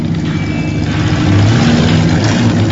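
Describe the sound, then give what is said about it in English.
A car engine idles with a steady low rumble and hum, fairly loud, in a parking garage after the car has pulled in and stopped, with no voices. “He pulls into a parking garage and stops the car.”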